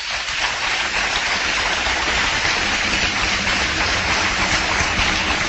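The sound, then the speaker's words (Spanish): A church audience applauds the Lord in a steady, dense wash of clapping that holds at an even loudness for several seconds, with no voices rising above it. “Mis amados hermanos, un fuerte aplauso al Señor.”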